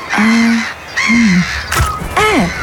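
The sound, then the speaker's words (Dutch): A seagull calls three times, loud harsh cries with a short pause between each, and a brief sharp click just before the last call. No voices. “Ja, meeuw.”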